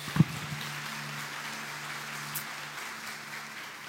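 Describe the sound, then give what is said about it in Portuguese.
An audience claps steadily for a few seconds to applaud the name of God, a dense, even patter of many hands at moderate volume, with a faint low hum running beneath and no one speaking. “Antes de você sentar, você poderia aplaudir o nome de Deus?”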